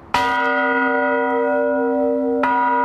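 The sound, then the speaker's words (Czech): A large church bell in Cheb, Czech Republic, rung by hand, rings loudly, two strokes roughly two seconds apart, each leaving a rich, sustained hum that carries between them. No voices are heard. “Ale není automatika, musí se zvonit ručně.”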